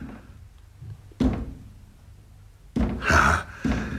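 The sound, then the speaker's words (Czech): Knocks on a door by someone who has locked himself inside and cannot get out: a single thud, a pause, then a quick group of two or three more, moderately loud, with no one speaking. “Ale proč klepe na dveře?”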